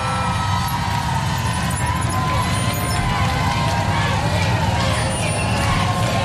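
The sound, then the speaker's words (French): A large crowd chants and sings 'merci' (thank you) together in a steady, dense roar of voices, loud and continuous throughout, with sustained tonal lines rising above the mass of noise, as Pope Leo rides past in a car. “Voilà, les gens qui disent et chantent merci.”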